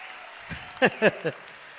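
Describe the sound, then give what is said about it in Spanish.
An audience claps in a steady, dense patter, with a few short voiced shouts or cheers rising over the applause near the middle, applauding a singer after a song. “Oye, un aplauso para mí, vos cabros.”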